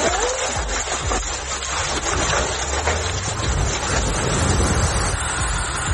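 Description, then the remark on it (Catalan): Heavy hail, with stones as big as table-tennis balls, pounds down during a thunderstorm in a dense, continuous clatter of sharp impacts, loud and steady throughout, over a low rumbling, wind-like roar. No one speaks. “Així sonaven algunes de les pedregades que van caure en algun punt del país, amb pedra de la mida d'una pilota de tenis taula, fins i tot, és a dir, que notablement grosses, les pedres que van caure en algun moment.”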